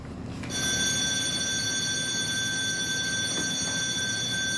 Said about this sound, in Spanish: Dios mío, esa parece la señal de alarma. Simulacro de evacuación en botes salvavidas. Simulacro de evacuación en botes salvavidas.